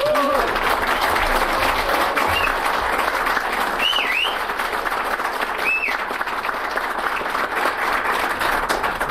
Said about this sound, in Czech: jsem velmi potěšen, že mám tak silný aplaus. Děkuji.